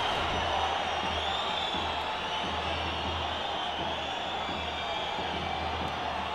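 A stadium crowd in the stands whistles at the Valencian referee during a football match involving Valladolid, a steady, loud, shrill wash of sound that holds without pause, backed by a low rumble of massed voices.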